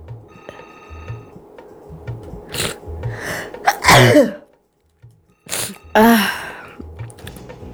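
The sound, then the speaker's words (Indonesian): Two loud sneezes, each preceded by a sharp intake of breath, with a brief silence between them over a faint, steady electronic hum. “Nah, aduh iklan dikit tadi ya. Agak bersin-bersin.”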